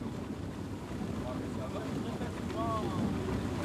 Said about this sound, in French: Mais avec la mer qui bouge et le bateau qui roule, les manipulations deviennent rapidement délicates.